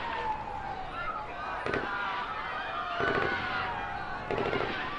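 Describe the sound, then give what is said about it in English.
Sharp cracking bangs, apparently gunfire inside a hospital, ring out in three separate bursts over about five seconds, echoing, with crowd noise and voices murmuring underneath. “some sort of military force seems to have arrived, and we are hearing sounds of what seem to be gunfire inside the hospital.”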